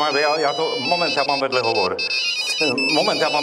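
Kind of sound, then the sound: signal or alarm, mobile phone ringtone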